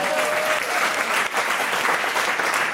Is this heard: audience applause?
yes